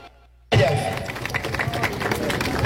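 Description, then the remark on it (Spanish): After a brief hush, a crowd bursts into steady, dense applause for the mayor of the district of Corolla, many hands clapping at once in a loud, continuous wash with some murmuring underneath. “Muchas gracias, un fuerte aplauso para el alcalde del distrito de Corolla.”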